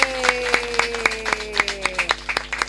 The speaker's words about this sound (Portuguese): Uma salva de palmas para Catembe.